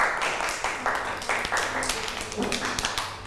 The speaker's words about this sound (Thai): ปรบมือให้น้องมาหน่อยค่ะ